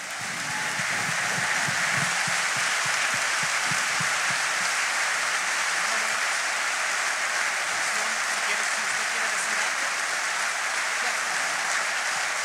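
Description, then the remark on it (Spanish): A crowd breaks into sustained, loud applause for Jesus, a dense steady wash of clapping that holds for over ten seconds, with a few low voices murmuring faintly underneath. “Un aplauso fuerte a Jesús.”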